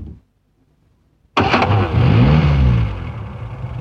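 After a short silence, a van's engine cranks and catches with a loud burst, then revs up and settles into a steady, rumbling drone as it pulls away.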